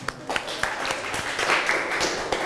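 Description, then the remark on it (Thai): An audience applauds student group 5 after their exhibition presentation, with scattered, uneven claps that stay fairly steady for a couple of seconds, mixed with some background voices. “ค่ะโอเคค่ะขอเสียงปรบมือให้กับกลุ่มที่5ของเราด้วยนะคะ”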